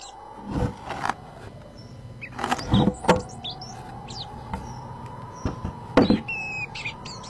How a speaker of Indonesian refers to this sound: Wah, burung kecil yang sangat cantik. Raja dan rakyat pun tercengang melihat isi kotak yang ternyata isinya adalah seekor burung kecil. Dan anehnya lagi, burung itu tidak mau disentuh oleh siapapun.